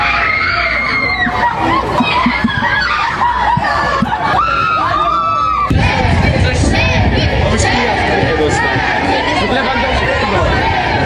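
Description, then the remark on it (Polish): A dense crowd of Polish football fans in Wrocław shouting and screaming as they greet the national team and captain Robert Lewandowski, high excited cries rising over constant chatter, growing louder and busier about halfway through and staying loud to the end. “Na biało-czerwonych czekał tłum kibiców, a największe emocje wzbudzał oczywiście nasz kapitan Robert Lewandowski.”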